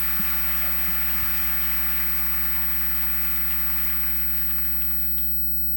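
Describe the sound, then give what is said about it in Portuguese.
A crowd claps together, praising the Lord as they welcome their pastor, Reverend Brocanelli, in a dense, steady wash of applause that sounds almost like rain, over a low electrical hum, then thins out just before the end. “Então, agora nós vamos receber o nosso pastor, reverendo Brocanelli, com muita alegria, louvando ao Senhor com uma linda salva de palmas.”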